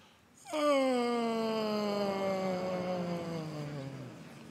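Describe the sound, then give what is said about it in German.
A long, hearty voiced yawn that starts a vocal warm-up: a sustained tone that begins abruptly and glides slowly downward in pitch over about four seconds, fairly loud, with no other sounds. “Und wir starten dieses Einsingen mal mit einem herzhaften Gähner.”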